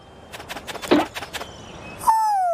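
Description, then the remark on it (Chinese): A few soft tapping sounds lead into a single clear, gliding call from a young owl, a bright hoot that slides downward in pitch, moderately loud, with no talking. “哦，我知道了，是你在叫。你是在叫我吗？你真是有趣。等等，你不是在玩敲门啊？你是猫头鹰，小猫头鹰，你叫什么，小可爱？”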